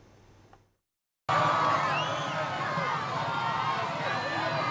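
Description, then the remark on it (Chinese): After a short silence, a large crowd of supporters lining the route erupts into steady, loud cheering as Peruvian President Keiko Fujimori arrives at the Independence Day military parade in Lima, Peru. Many overlapping voices, shouts and rising whoops hold at a constant level to the end. “藤森庆子在安保人员的护送下抵达阅兵式现场，支持者们夹道欢呼，还有民众在阳台上挥舞国旗以示支持。”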